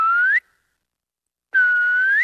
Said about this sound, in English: It's got the most incredible reverb. You really do hear the most wonderful echo. It's just been very pleasant to call out or whistle out and have the forest speak back to you.